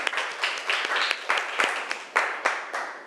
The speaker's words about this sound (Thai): ยกมือแล้วนะคะจากกลุ่มที่5ขอเสียงปรบมือเป็นกำลังใจให้เพื่อนหน่อยค่ะ